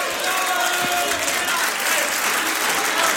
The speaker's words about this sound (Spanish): Póngase de pie, amado hermano, y bríndele un fuerte aplauso al Señor de agradecimiento. Que suene fuerte.